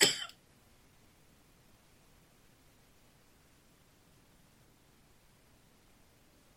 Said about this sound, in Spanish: La sangre de Cristo reprendo esta tos que no me quiere dejar. La echo fuera en el nombre de Jesús.